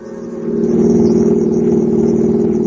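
A car engine hums steadily while driving home from the supermarket, a loud, low drone that swells slightly in the first half second and then holds an even, rumbling tone.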